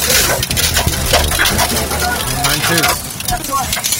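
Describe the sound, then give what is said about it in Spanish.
Hail pelts down during very heavy rain in a loud, dense clatter of rapid irregular ticks and knocks, steady throughout, with a low rumble beneath and a voice briefly audible through the din. “Es que está granizando, yo no creí que granizara tampoco.”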